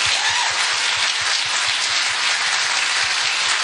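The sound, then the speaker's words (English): A dense wash of crowd applause at a Kamala rally in Las Vegas, many hands clapping at once in a loud, steady roar that holds its level throughout, with faint low thumps pulsing beneath it and no one speaking. “Big clap.”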